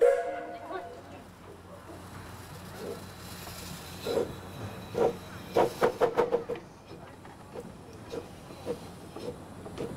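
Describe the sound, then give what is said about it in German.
A small park railway steam locomotive, built in 1925 by the firm Kraus in Munich as one of a series of three at 1:3 scale, rumbles steadily, breaking into a quick run of sharp, loud chuffs midway, then a few softer, spaced puffs as it keeps moving. “Die Lok wurde 1925 bei der Firma Kraus in München gebaut.”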